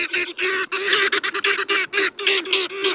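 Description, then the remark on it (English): Raucous, harsh calls from helmeted guinea fowl repeat in rapid, chattering bursts, loud, with brief gaps between the grating cries and no one speaking. “But from Senegal to South Africa, where the birds are native, their raucous calls are a familiar sound.”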